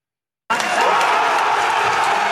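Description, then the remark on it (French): A crowd cheering loudly as Ulrich Siegmund celebrates the election victory of his party, the Alternative für Deutschland, in Germany: a dense wall of shouts and whoops that bursts in abruptly after a brief silence and holds steady without pause. “Sous les acclamations, Ulrich Siegmund savoure la victoire de son parti, l'Alternative pour l'Allemagne.”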